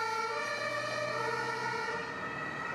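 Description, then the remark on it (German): An ambulance siren wails steadily, its sustained tones loud and continuous with a low vehicle rumble underneath and no one speaking. “Seine Ehefrau reagiert richtig und ruft sofort den Rettungswagen.”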